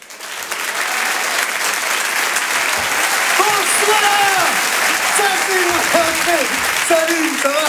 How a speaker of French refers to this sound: On va changer de répertoire, comme on dit, avec un humoriste qui va nous rejoindre maintenant. Je vous demande un tonnerre d'applaudissements également pour Djal.